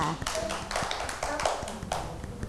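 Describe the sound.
Children clap their hands for a classmate who correctly stuck a picture of a market in place, a quick, uneven patter of many sharp claps lasting a couple of seconds, with voices murmuring underneath.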